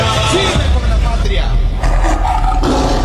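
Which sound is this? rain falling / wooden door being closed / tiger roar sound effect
tiger roar sound effect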